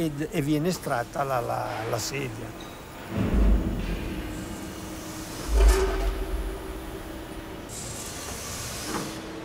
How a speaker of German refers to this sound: Wenn es flüssig ist, wird es in die Form gespritzt. Nach dem Abkühlen öffnet sich die Spritzform und der Stuhl wird herausgezogen.